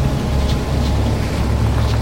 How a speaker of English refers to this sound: God, it's windy out there. It sounds like we're in a ship's cabin.